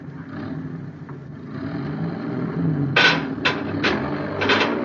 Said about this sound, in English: Tell that driver to move that truck.